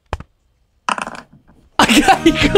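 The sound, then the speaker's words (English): A tap and a short burst of noise, then a slightly delayed digital dice-rolling sound from an app: a dense, bright clatter of tumbling dice that stays loud until the end. “Just so we can confirm we are actually rolling a dice and not making it up.”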